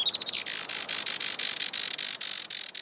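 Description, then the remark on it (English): A Juan Fernandez firecrown hummingbird calls with a quick burst of high, thin chirps, then a steady run of rapid, buzzy twittering pulses, fairly loud, with no voices. “Today, conservationists with Oikonos ecosystem knowledge are working to restore the island's native forests and to ensure a bright future for the Juan Fernandez firecrown.”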